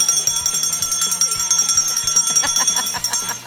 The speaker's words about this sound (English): Oh yeah, rise and shine, Cebu City. Let me see if I can work the bell.